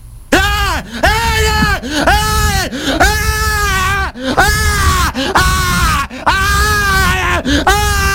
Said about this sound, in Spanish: Este flaco está mal de la cabeza. O sea, está mal, no puede gritar así.